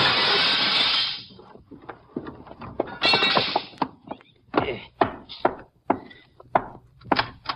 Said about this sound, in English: If he doesn't understand, I reckon he'll just have to sue me for a broken window. I'll knock this one in with my gun, then I'll climb in and let you in through the door.